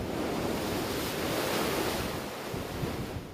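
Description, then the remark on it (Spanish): Heavy surf roars without pause, a dense wash of crashing storm waves during a Pacific hurricane season mixed with gusting wind rumble, loud and steady throughout with no voices. “Con olas destructivas, inundaciones y 5 huracanes de gran intensidad, expertos advierten que el fenómeno del Niño está alimentando estos sistemas y que en las próximas semanas podrían informarse y formarse más.”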